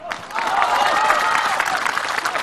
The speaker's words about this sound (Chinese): 让我们掌声有请本期艺术人生的主人公冯巩